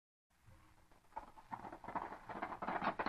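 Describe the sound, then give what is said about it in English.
Rapid, rhythmic hoofbeats clip-clop on a hard surface, growing steadily louder as a horse draws closer, with no voices. “Hey, you, pull up that horse!”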